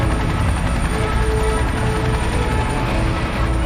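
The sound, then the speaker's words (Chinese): A formation of 24 military helicopters flying over at a military parade, arranged to form the figure "90", a steady, loud, dense rotor roar with deep low-end rumble and a faint high whine, continuous throughout with no speech. “24架直升机组成的90字样，象征着人民军队90年的光辉历程。”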